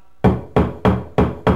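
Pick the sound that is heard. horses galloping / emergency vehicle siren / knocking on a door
knocking on a door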